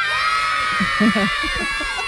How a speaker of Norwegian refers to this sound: det bare kommer unger bare tytende og løpende og presser seg på og dytter bort lærerne og slåss for å komme seg inn i isbilen